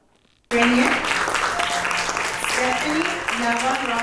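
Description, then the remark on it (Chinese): After a short silence, warm applause bursts in as students receive their completion certificates one by one at the graduation ceremony of Hsi Lai Temple's two-week English academy in the United States, continuing as a dense, steady clatter of many hands, with a voice speaking over it throughout. “在热烈掌声中，学员一一接下结业证书，为为期两周的英文学院画上圆满句点。”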